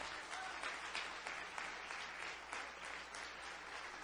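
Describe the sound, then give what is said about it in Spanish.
A crowd applauding the young men from the center who have to leave, a dense wash of many hands clapping at once, sustained and fairly loud throughout without voices standing out. “Un aplauso más fuerte, hermano.”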